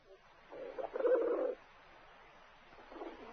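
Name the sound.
pigeons cooing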